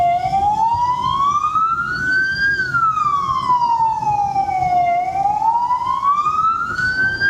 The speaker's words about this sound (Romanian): În toată harababura din intersecție, haosul devine complet în momentul în care se aude o sirenă de ambulanță sau poliție.